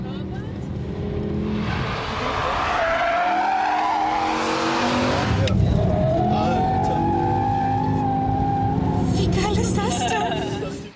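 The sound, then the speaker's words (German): Racing cars roar on the Nordschleife track of the Nürburgring, engines revving and shifting pitch continuously for about eleven seconds, with a burst of tire squeal and skidding noise midway. “Auf dem Nürburgring fahren seit Jahrzehnten ehemalige Profirennfahrer, wagemutige Touristen über die Nordschleife.”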